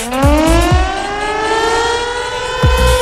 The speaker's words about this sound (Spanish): Es la sirena que dice que te tenés que prender al aire